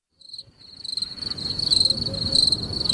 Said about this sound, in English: Tell you, the crickets are lovely.